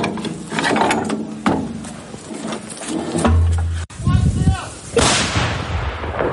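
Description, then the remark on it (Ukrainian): A heavy 152 mm artillery gun, an M100B howitzer fired by soldiers in Ukraine's Donetsk region, fires with loud booming blasts that roll into rumbling echoes, mixed with clanking mechanical noise and muffled voices. “Потім з неї випускали снаряди на Курщині, а згодом 152-й калібр вилітав з гармати під час звільнення Олександрівського напрямку.”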